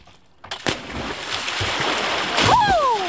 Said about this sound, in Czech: Teda tady to cáká, tady se skáče do vody. Molo lítá nahoru dolů, to je paráda.